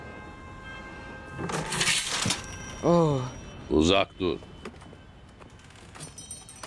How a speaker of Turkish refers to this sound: Sen kapıma ne yaptın öyle? Çıt diye kırılıverdi.